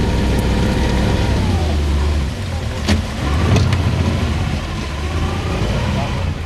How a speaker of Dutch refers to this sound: Stop the motor.